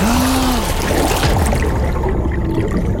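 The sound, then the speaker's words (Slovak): Water trickles and splashes steadily, a continuous wash of bubbling and lapping without pause, with no voices present; someone is in the water, which is icy cold. “Nebuď v tej vode tak dlho! Jano! Jezuškom! Voda je ľadová, prechladneš!”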